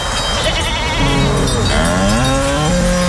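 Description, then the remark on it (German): Goats bleat in drawn-out, wavering calls, overlapping a deeper lowing of cows on a mountain pasture in South Tyrol, over a steady outdoor background hiss. The animals sound fairly loud, with no talking. “Kühe. Ziegen, sehr gut.”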